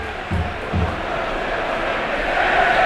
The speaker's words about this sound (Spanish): Recupera la pelota Murillo. Murillo jugando ya con Ramón. Primer pase de Ramón. Retrasando ahora para Alfonso Herrero. Aplaude la grada de la Rosaleda.